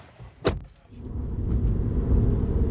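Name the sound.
car driving off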